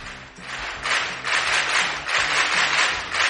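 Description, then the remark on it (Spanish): A steady patter of clapping from a group during an Es Radio broadcast, dense and sustained for a few seconds with slight swells in loudness, no voices over it. “Sí, hay aplausos, claro que sí.”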